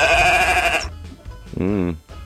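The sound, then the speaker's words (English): Two sheep bleats: a long, steady, nasal bleat, then after a short pause a louder quavering one with a shaky vibrato, both clear. “Do you want to hear these sheep for today?”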